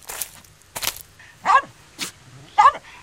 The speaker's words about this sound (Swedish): Den gläfser och vill nosa på Nalle.